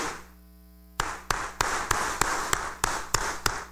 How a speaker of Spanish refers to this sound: démosle un fuerte aplauso de felicitación.